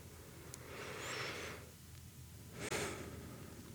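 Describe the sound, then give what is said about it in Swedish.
A slow, deep breath drawn in through the nose, then a pause and a breathy exhale out, both soft with no talking. “Tack några djupare andetag. Helt in i nosen och andas bärkle ut åter.”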